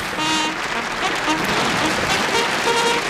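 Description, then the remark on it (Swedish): A burst of loud, dense applause fills the whole moment, with faint sustained tones like a short fanfare playing underneath the clapping. “Det var nog en story som kräver en applåd. Absolut, det ger en fanfar också.”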